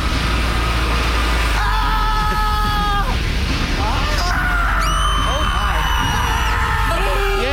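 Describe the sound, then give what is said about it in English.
A voice imitates a chaotic scream factory din of overlapping screams, with wavering high-pitched wails and shrieks layered over a loud, constant low mechanical rumble, continuous throughout. “What would a screamery sound like?”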